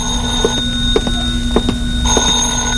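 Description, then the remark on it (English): An old-style telephone bell rings steadily and fairly loudly, with a buzzing metallic tone and regular clicking pulses about every half second. It shifts slightly in tone near the end, with no talking. “Then I packed a bag, was about to take off, and the phone rang again.”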